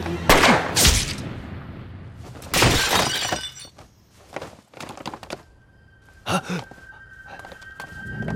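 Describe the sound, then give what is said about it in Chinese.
Loud bursts of a gunshot and shattering glass, with sharp cracks around the start and middle, crunching debris trailing off, and another smaller smash near the end. “你怎么开枪了？”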